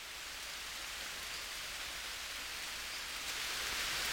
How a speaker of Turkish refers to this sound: Deli bir yağmur yağıyor. Sanki biri gökten kovayla su boşaltıyor